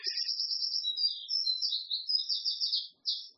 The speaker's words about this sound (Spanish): Miren, tenemos un pajarito aquí al lado que está bastante alto. Está haciendo competencia. Quiere contarles algo.